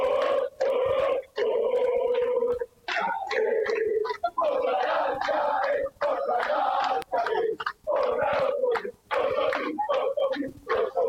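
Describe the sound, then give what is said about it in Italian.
A big crowd of football fans chants in unison, loud and rhythmic, with short pauses between sung phrases and bursts of cheering carrying through the whole stretch. “Enrico, sentiamo ancora i tifosi. Sì, sì, sì, è meglio lasciare parlare i tifosi, guardate che bello!”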